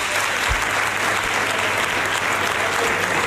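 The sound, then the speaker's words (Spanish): Sustained applause from Partido Popular members of the Andalusian Parliament standing to applaud Juanma Moreno, re-elected president of the Junta de Andalucía: dense, steady clapping filling the whole stretch at an even, loud level with no pauses or voices standing out. “Eso es, vemos a todos los parlamentarios populares de pie aplaudiendo al nuevo presidente, a Juanma”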